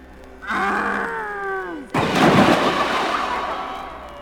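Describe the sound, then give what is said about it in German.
A drawn-out, falling vocal groan from a wolf gives way to a loud, heavy crash as the wolf plunges into a well, the noisy impact ringing on and slowly fading over a couple of seconds. “Der Wolf ist in den Brunnen gefallen.”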